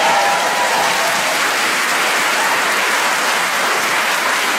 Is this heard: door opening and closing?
no